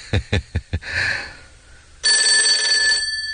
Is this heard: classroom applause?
no